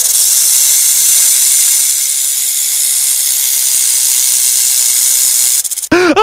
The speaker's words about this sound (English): Uh-oh, I think there's a snake in the show!